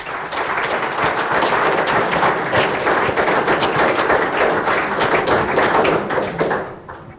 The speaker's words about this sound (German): Herzlichen Applaus.